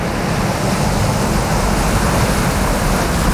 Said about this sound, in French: quand vous entendez la plage, la mer, les vagues, on va où ? Madagascar. Ah ! Il n'y a pas que Paris dans la vie, il y a Madagascar aussi. Ouais, parce que... dans l'océan Indien.